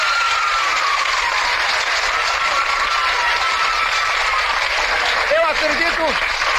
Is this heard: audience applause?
yes